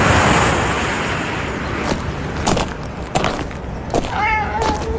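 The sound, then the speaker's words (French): A stray cat meows once near the end in Soa, a village in Korea with almost as many stray cats as inhabitants. The cry is wavering, over a steady wash of outdoor noise like surf or traffic, with a few faint clicks and knocks earlier. “Alors nous sommes à Soa, ici il y a presque autant de chats errants que d'habitants.”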